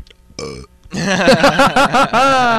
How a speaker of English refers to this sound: He burped into the microphone, and it was wonderful.